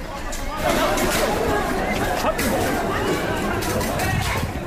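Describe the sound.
A dense crowd commotion of overlapping shouts and agitated voices, loud and continuous throughout, with sharp bursts suggesting scattered impacts amid the noise of many people. The crowd is throwing large stones at police during a Left protest in Siwan, Bihar, India, and police then use batons to drive it back.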